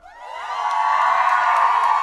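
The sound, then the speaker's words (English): A dense crowd at Trinity Nightclub in Pioneer Square, downtown Seattle, cheers and whoops loudly during a live club night, the roar swelling over the first half-second and then holding steady, with high shouts poking out of the sustained noise. “Listen to this crowd, by the way.”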